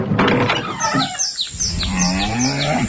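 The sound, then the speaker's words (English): Cows moo loudly, their low drawn-out calls overlapping, while birds chirp in short repeated tweets in the background. “Real country till the cows come home.”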